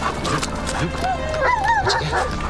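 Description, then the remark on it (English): A Garda Síochána police dog named Fletcher barks and yips excitedly, with short high whines between the barks, while a person's voice talks faintly underneath. “The dogs in our unit have the ability to find evidence within minutes.”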